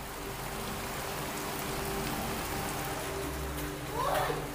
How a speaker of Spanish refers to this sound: La lluvia no cesa y cuando el viento arrecia, cada minuto cuenta.